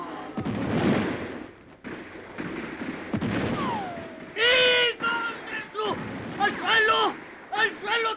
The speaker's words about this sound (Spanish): Pues que la gente de Demetrio se entretuvo tanto mirando a la Codorniz que los federales les echaron una lluvia de balazos.